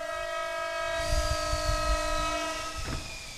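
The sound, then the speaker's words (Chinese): A train pulls in at a station platform with a long, steady horn-like tone held throughout, over a heavy rumble and clatter of wheels; no one speaks. “父母偶尔来看我，坐火车，我跟着爷爷在月台上接他们。”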